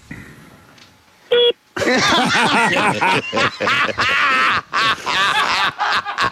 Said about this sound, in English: I want you to do that starting beep again.